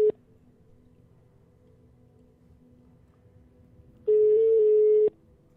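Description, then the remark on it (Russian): An outgoing call's ringback tone: a steady, mid-pitched electronic beep lasting about a second, sounding loudly after several seconds of near-silence with faint low hum, and a clipped earlier beep at the very start. “А, ты уже звонишь?”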